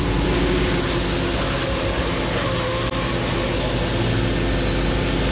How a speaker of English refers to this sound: can't you get this car to go any faster? Mother, we're doing 60 now, for goodness sake.